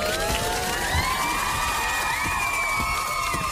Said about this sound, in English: we need to give August a round of applause because wow.